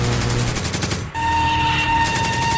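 Rapid bursts of automatic gunfire crackle loudly at a shooting range as a sharpshooter fires from the firing line, a dense rattling volley, a brief pause, then another run of fast repeated shots over a steady background hum.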